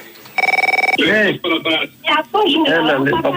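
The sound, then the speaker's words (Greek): A short, bright burst of a telephone ringing, a rapid warbling electronic trill about half a second long, followed right away by voices talking. “Ναι, τηλέφωνο.”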